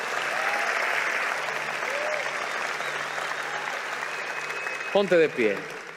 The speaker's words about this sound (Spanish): Vamos, alguien que dé un aplauso al Señor por eso. Vamos, si lo vas a hacer, hazlo fuerte.